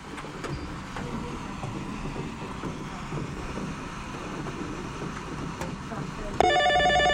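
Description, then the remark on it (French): A telephone starts ringing near the end during the Bingo Radio broadcast on 92.5, a loud, bright electronic trill that cuts in abruptly over a murky background of faint, indistinct chatter. “Et voilà, on s'en va du côté du téléphone.”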